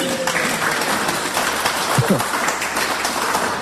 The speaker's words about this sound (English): You got one of our two smaller questions right. Big round of applause.